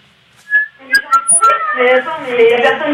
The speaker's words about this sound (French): J'entends la mouette?